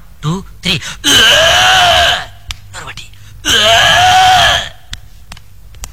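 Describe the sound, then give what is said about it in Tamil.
After a quick spoken count, a voice imitates vomiting with two long, loud, strained retching groans, each about a second long and separated by a short pause, followed by faint breaths. “சரி வாந்தி எடுக்கிற மாதிரி சவுண்ட் கொடுறா, பத்தல நீ லிப் மட்டும் கொடு, நான் சவுண்ட் கொடுக்கறேன்.”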